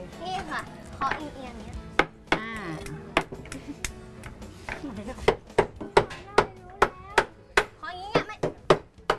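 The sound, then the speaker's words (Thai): A Thai dessert mould, like one used for khanom sampannee, is tapped at an angle to release the packed dessert: sharp, loud knocks, a few at first, then a quick uneven run of about a dozen, while voices chatter in the background. “แล้วก็ต้องเคาะแน่เลยใช ่ ไหม”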